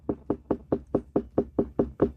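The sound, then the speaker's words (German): Ten steady knocks on a ripe watermelon by a watermelon farmer from Upper Bavaria, each a dark, hollow thump at an even quick rhythm, clear with no talking. “Also so hört sich jetzt eine reife Melone an.”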